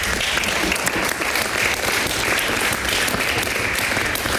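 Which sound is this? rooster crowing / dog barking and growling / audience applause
audience applause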